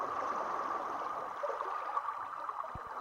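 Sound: river water flowing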